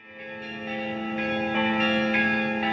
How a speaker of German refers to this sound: Seit über 800 Jahren sind die Glocken der Domkirche von Visby zu hören.